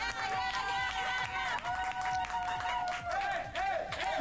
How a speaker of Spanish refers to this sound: Y te felicito, ahí está, un aplauso para el catracho.